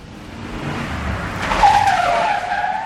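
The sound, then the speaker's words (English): A car engine rumbles and revs up, then tires let out a long, loud squeal as the car pulls away. No one speaks. “Then we'll drive around the block and park so we can see his car.”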